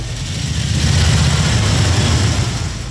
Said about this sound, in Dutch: Wat een mooi geluid. Daarom zitten we hier, hè? Schitterend, die Harleys allemaal, hè?